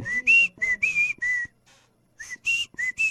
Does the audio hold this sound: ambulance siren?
no